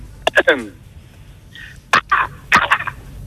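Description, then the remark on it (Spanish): Someone mimics a crow with their voice, giving three rough, squawking caws in short bursts separated by brief pauses, fairly loud. “Eso es como un cuervo híbrido de gorrión, más o menos.”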